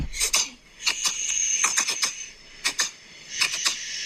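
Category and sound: animal, cat reverse sneezing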